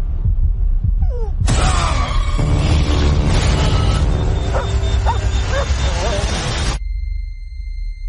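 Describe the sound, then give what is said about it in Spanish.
A dog barks and whimpers through a dense, noisy stretch of several seconds, with rising and falling whines over a steady low rumble. The sound starts and cuts off abruptly. “Sí, a partir de aquí son solo ladridos y sonidos.”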